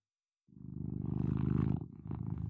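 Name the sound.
cat purring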